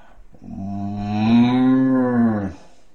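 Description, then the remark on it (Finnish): A single drawn-out, low moo lasting about two seconds, voiced by a person imitating a cow, loud, rising slightly before fading out, with no other sounds around it. “Sitten tulee lehmä.”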